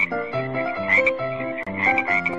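A dense chorus of thousands of frogs coming out of a river, croaking together, loud and continuous, with overlapping rising calls that swell twice and no voices.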